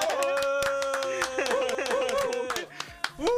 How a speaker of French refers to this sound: Eh ben, moi j'ai envie de t'applaudir.